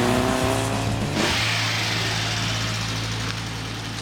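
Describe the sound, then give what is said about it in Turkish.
An Alfasud 1.5 Ti car engine runs steadily, its low harmonic drone shifting as revs climb and settle in the first second, then holding a constant rumbling idle-like tone with a broad airy hiss above. “Bu sesi tanıyorum. Bu bir 1.5 Alfa Sat TI.”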